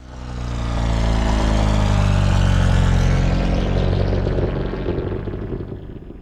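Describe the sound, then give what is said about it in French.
A Gnome rotary engine of a propeller airplane, a type invented in 1907, runs steadily with a loud, dense droning rumble and layered harmonic buzz, swelling in over the first second and holding continuous without any voices. “L'héritage familial se perpétue au début du XXe siècle, puisque ses deux petits-enfants, Louis et Laurent, inventent en 1907 les moteurs rotatifs Gnome qui ont équipé des milliers d'avions à hélice.”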